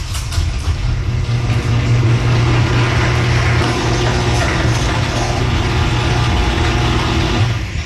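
A garage door glides on new premium nylon rollers, making a steady, smooth low mechanical hum with a faint buzzing from the motor that holds evenly for about eight seconds, with no voices.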